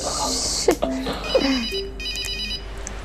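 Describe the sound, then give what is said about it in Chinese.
A phone rings with a bright, high electronic ringtone, repeating in quick pulses. Brief bits of voice sound underneath at first, then the ringing goes on alone at a steady, moderate volume. “叔叔，我接电话。”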